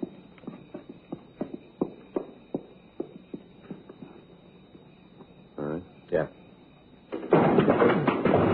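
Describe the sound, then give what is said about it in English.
A run of evenly spaced thuds, like footsteps, gives way to a sharp impact as police officers kick in the front door of a building in a field, followed by a loud burst of commotion and raised voices as an arrest is announced. “You got no right coming around kicking doors all right, in.”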